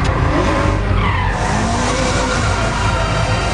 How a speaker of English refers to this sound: Tandem drifting. It's another world. It's control under pressure. You got someone breathing down your neck.